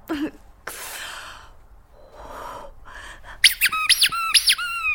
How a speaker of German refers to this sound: Das ist meine Geburtstags-Quietsche-Ente Birthday Bert. Und der hat null Chill für deine Scheiße.